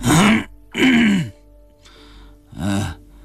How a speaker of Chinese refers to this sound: 一直在椅子上流口水的老孙头啊了一声，又咳嗽了一下。